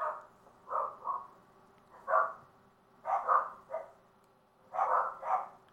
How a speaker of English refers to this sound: Wait a moment for the dogs to calm down. I think the postman just went by.